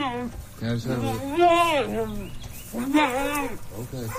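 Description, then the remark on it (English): A mule brays loudly in several drawn-out, wavering cries that rise and fall, with a brief pause between bursts and a faint chirping background. “Loudmouth mules and goats aside,”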